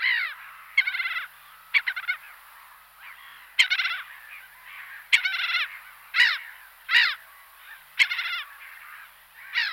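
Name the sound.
black-headed gull calls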